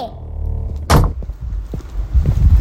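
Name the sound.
door slamming shut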